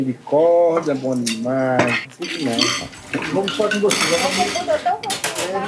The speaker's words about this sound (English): Edilene is now doing the dishes, and the water that's going down the drain in the sink goes directly into the filtering system.